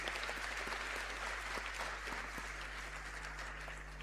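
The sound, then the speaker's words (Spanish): A crowd applauds steadily, many hands clapping in a dense, sustained wash of sound with a low hum underneath, welcoming parish groups such as Nuestra Señora de Guadalupe from Puerto Montt. “¿Dónde está ahí el centro? Un aplauso igual.”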